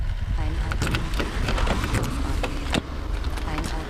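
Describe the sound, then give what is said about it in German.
A squeaky, unoiled car door creaks open with thin, wavering squeaks, mixed with clicks and knocks against a steady rumble of outdoor noise. “Mei, die Tür quietscht, jetzt schmier endlich mal diese Autotür.”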